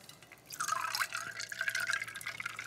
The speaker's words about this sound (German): Gieße ich das Ganze mit unserem Soda auf.